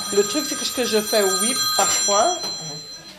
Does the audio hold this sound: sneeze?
no